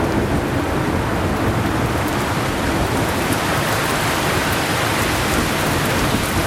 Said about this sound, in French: quand il y a eu des coups de chaleur comme ça, et puis que d'un seul coup la pluie tombe comme ça, oui, ils sortent là.